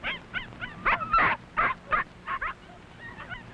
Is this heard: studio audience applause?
no